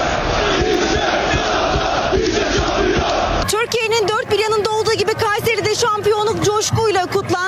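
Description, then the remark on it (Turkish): A large crowd of Galatasaray football fans in Kayseri, Turkey, roars and chants loudly in celebration as flares burn, the dense noise giving way to a more rhythmic, sung chant of many voices that carries on. “Taraftarlar Galatasaray lehine tezahüratlar yaptı.”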